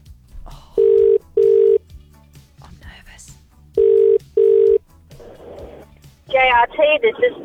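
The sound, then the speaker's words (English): A phone line ringing out over a handset during a call placed by the radio station Hits 939: two double-pulse ring tones, steady and fairly loud, separated by a pause, before someone picks up and a voice starts talking. “Let's make that call right now.”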